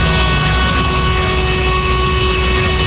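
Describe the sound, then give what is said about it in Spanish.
The horn of a Madrid municipal transport bus blares in one long, unbroken blast, loud and steady for about three seconds over a low engine rumble. It is sounded by the bus driver, and no one talks. “Buenos días, yo no sé de la MT, pero toma un pito.”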